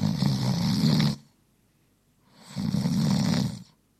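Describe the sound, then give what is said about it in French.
Two loud, rasping snores from a person sleeping after a meal with plenty of alcohol, about two and a half seconds apart, each a long rumbling breath with a harsh buzzy edge, separated by near silence, with no talking. “Voilà, ronflement après un repas bien arrosé.”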